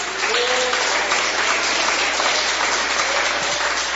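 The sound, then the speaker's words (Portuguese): A church audience applauds to glorify God during a service, steadily for several seconds, a dense, even wash of many hands clapping at once, loud and sustained without pause. “Podeis assentar aquelas palmas que glorificam a Deus.”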